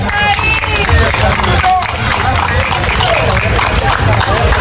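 Loud, steady applause from a crowd welcoming a young poet before a poetry recital, dense clapping mixed with cheers and excited voices, sustained without a break from start to finish.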